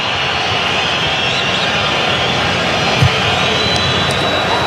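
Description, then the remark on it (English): A Mexican football crowd at a World Cup match booing, a dense, steady roar of many voices that holds at a loud, even level throughout, with no individual speech standing out. “Now you're hearing boos from the crowd.”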